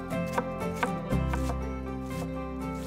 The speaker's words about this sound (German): Also ich fange jetzt an, die Zwiebeln zu schälen und zu schneiden. Hierbei muss man gar nichts groß beachten, weil wir pürieren später.